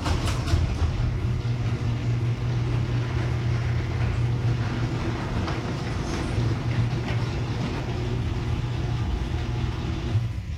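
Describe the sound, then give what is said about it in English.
A garage door with new premium nylon rollers runs smoothly, giving a steady low mechanical hum and soft rolling rumble that holds an even level for about ten seconds, with a little buzzing from the motor and no sharp clanks or squeals. “Play audio cut number 2, the new premium nylon rollers on my garage door.”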